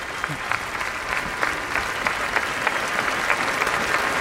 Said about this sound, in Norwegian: Det vanskelig å anslå nøyaktig hvor mange mennesker som her. Det ganske mange tusen som akkurat nå står foran slottet og gir vårt nye kongepar applaus.